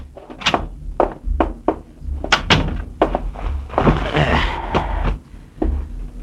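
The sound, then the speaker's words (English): A door is opened and shut, with a series of sharp wooden clunks and thuds, a brief scraping rush as it swings, then more knocks as it closes. “Get the door, will you?”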